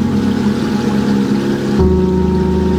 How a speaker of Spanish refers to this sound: Aquí estamos triturando el lirio.